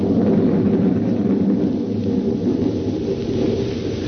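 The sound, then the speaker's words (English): Deep, continuous thunder rumbles steadily for several seconds, loud, with a dense low roar and a hiss that hints at rain. No voices are heard. “There was thunder and lightning around me too, and up where I was, her voice was a whisper.”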